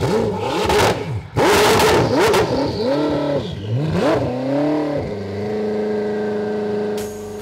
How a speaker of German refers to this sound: Eine schwedische Luxusmarke. Ein Scheich aus Dubai hat den Wagen bestellt. Das Geschäft ist natürlich Chefsache. Gang rein und ab geht's. Einen Koenigsegg ist er noch nie gefahren.